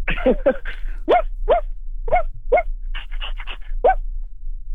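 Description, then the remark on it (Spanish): A person imitates a small dog, letting out about ten sharp high-pitched yaps in quick succession, with a steady low hum underneath and no talking. “Como un perro chiquito, ¿no? Como un perro. Es un perro pequeño.”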